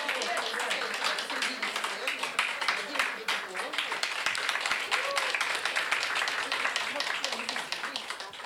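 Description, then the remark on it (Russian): An audience at a festival applauds steadily for about eight seconds after a participant receives an honorary diploma, a dense, even wash of many hands clapping with sharper individual claps poking through, holding constant loudness until the end. “Подборные аплодисменты.”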